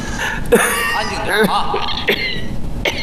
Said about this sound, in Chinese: 太爷，太爷，你没事吧？ 没事，我就有点咳嗽了。 哎呦，怎么咳成这样啊？